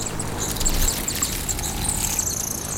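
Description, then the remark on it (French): A female hummingbird chirps in quick, thin, high-pitched squeaks, repeated irregularly over a steady background hiss with no one speaking. “Un colibri femelle !”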